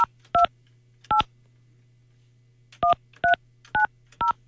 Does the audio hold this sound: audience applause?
no